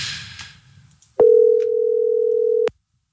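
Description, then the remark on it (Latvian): A telephone ringing tone from a call placed live on a radio broadcast sounds once: a steady, mid-pitched electronic beep held for about a second and a half, loud and clean after a moment of faint background hiss. “Es zvanu Didzim, Didzi.”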